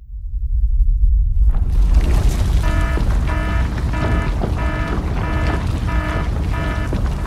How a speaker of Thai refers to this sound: ดูสิรู้สึกสั่นๆพ่อปู่กำลังจะประทับร่างแล้วว้ายสั่นขนาดนี้เข้าแล้วแน่ๆสาธุ เข้าอะไรล่ะแผ่นดิ้งไหว